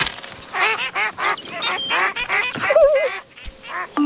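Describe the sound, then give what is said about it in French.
Ducks on a large pond quacking in a busy, overlapping chorus of short nasal calls as small pieces of bread are thrown to them, fairly loud, with a few thin higher bird notes near the end and no voices. “Alors, il jette les petits bouts de pain aux canards.”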